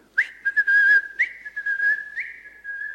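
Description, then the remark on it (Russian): A man whistles a short tune alone, clear, with a steady sustained pitch and a few rising slides between notes. “Сказал, что сейчас вернется, он свистит вот так.”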